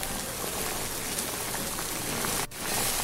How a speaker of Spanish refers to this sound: Y vamos a agregarla a la cazuela donde ya tengo el aceite hirviendo.